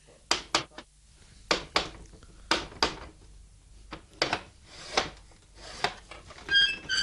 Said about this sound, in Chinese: 你既然有胆嚟到门口啦，啊，点解唔够胆敲门啫？哎，敲门啦，啊！